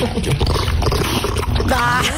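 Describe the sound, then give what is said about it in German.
Alfia, Bill Kaulitz's female dog, noisily chews her birthday cake on her birthday. Loud, wet smacking and slurping runs continuously for a couple of seconds, ending with a brief higher-pitched tonal sound. “Und Leute, Vorsicht, ich muss euch warnen, weil hier schmatzt uns jetzt jemand so richtig genüsslich ins Ohr.”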